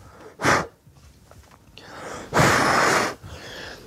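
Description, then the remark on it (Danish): A person puffs out breath twice during a visit to the Royal Life Guards (Livgarden): a short sharp blow, then a longer, stronger exhale, with soft rustling breath noise in between and no talking. “Så jeg puster.”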